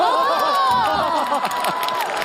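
A small group of people clapping and cheering together, excited shouts and whoops overlapping with steady applause for a couple of seconds.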